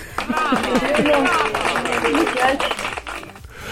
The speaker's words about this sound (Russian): Аплодисменты звучат для вас.